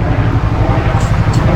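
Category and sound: nature, strong wind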